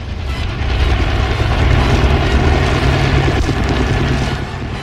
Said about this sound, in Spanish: Luego reanudan el descenso, aprovechando que el helicóptero se aleja un poco para repetir el ataque.